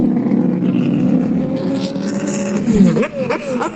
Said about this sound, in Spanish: Mientras tanto, comienzan a salir los vehículos de la primera batería a la zona de la pista, lentamente a tomar contacto con la cinta asfáltica. Escuchamos, oyentes.